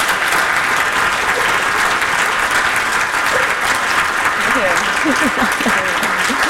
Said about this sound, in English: Wow, round of applause, guys.